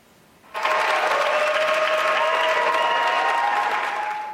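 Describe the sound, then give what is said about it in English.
After a brief hush, a crowd at the Canadian Space Agency bursts into loud, sustained applause with cheering and a few whistles ringing through the clapping, welcoming the Artemis II crew. The noise stays steady before easing slightly at the end. “Canadian astronaut Jeremy Hansen telling a cheering crowd many of the people in the room helped make that 10-day mission around the moon a success.”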